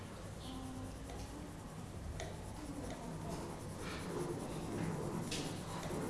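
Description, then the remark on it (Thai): Paper handling during a pencil drawing lesson: a sheet of paper is changed and shifted across a surface, rustling and scraping, with a few sharper crinkles and taps over a steady low hum. No one speaks. “ขออนุญาตเปลี่ยนกระดาษขยับกระดาษนะครับ”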